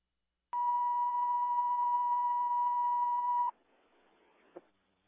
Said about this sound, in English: Could you put out cancellation tones, please?